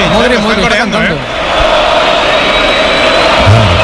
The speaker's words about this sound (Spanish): Pero además lo están coreando, evidentemente, los croatas. Pero hay mucha gente con la camiseta de España,